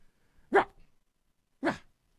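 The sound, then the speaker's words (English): Two short, yappy barks from a human voice imitating a little Shih Tzu, spaced about a second apart, fairly loud with silence around them. “It's pretty good, huh? That's a little Shih Tzu bark.”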